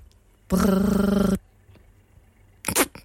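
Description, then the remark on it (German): A voice imitates a quietly set analog telephone ringing with a single buzzing, rolled 'brrr' trill lasting under a second, followed after a pause by a short, softer vocal burst. “Ich kann ein leise gestelltes analoges Telefon nachmachen.”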